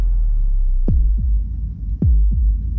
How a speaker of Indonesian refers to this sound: Ini suara detak jantungmu saat dibangunkan alarm.